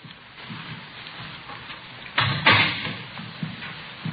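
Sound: door being opened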